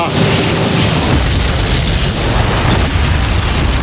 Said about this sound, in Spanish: Bueno, me voy, que comienzan los fuegos artificiales. Ahí está la pirotecnia valenciana.